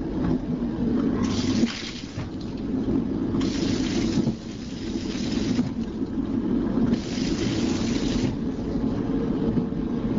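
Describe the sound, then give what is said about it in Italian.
A toilet flushing, with bursts of rushing, hissing water rising and falling over a steady low rumble that continues throughout, fairly loud, with no voices. “proviamo adesso ad ascoltare il suono di questo sciacquone.”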